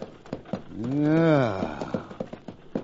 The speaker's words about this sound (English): Hey, look. There's a stagecoach coming. How about trailing your horse and getting a ride in that?